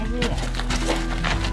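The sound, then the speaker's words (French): Loud scraping and knocking of tools against old paving stones being pried loose from an old driveway or courtyard by a masonry craftsman at a building site on Boulevard de l'Océan, a quick run of harsh gritty bursts over a steady low hum, with faint voices in the background. “Vous êtes en train de sortir les pavés d'une ancienne allée, d'une ancienne cour?”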